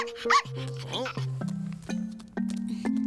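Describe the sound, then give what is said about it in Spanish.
A few short, high yipping barks from a dog called Garabatos over a steady, humming musical tone that shifts up in pitch in a few abrupt steps, all fairly loud throughout. “Es un perro Garabatos.”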